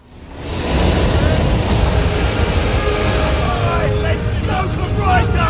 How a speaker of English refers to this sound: These are the huge engines. They're the biggest reciprocating engines ever built. They were three decks tall and they produced 70,000 horsepower.